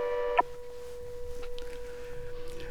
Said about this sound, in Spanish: Primera alarma de incendio por clave 1001, San Martín Rengo.